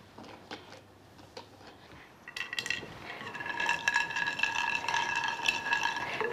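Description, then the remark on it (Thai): Dry tea leaves and spices, including cloves, are tipped into a pot of milk and water for masala chai: a few light taps and clinks, then a steady rustling and scraping that builds and continues, with no one speaking. “แล้วเราก็จะใส่ใบชาใส่เครื่องเทศเนี่ยลงไปในหม้อนี้เลยเช่นเดียวกันใส่ก้านพลูค่ะ”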